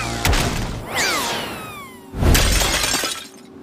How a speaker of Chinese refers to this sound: 白天就是你弄碎了我的古董，现在还敢来？ 不是我，你认错人了。 就是你赔我的古董。